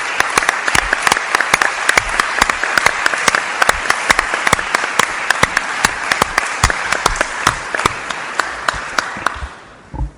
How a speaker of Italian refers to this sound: Io vorrei che facessimo a tutti loro un applauso.